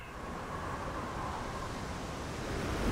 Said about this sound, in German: Das ist der natürliche Klang der Meere.